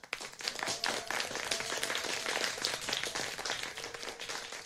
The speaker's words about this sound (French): Et oui, on peut s'applaudir.